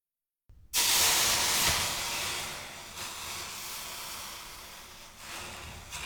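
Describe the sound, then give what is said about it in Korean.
A loud, sudden sizzling hiss as a hot pot, heated with a little cooking oil and taken off the heat, is set on a wet dish cloth to cool, bursting in after a moment of silence and fading slowly into a steady, softer steaming hiss. “물에 적신 행주 위에 냄비를 올려놓습니다.”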